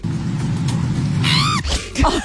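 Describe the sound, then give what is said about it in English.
A woman cycling in a straight line lets out a sudden high-pitched screech as she starts falling off her bike, sliding downward in pitch over a steady low rumble, followed by a shorter strained yelp. “he manages to catch the moment where she starts falling off her bike and the noise that she lets out”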